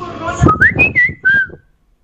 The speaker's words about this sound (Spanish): A ver, avientes un chiflido.